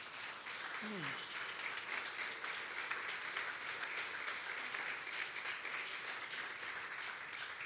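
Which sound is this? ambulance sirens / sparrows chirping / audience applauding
audience applauding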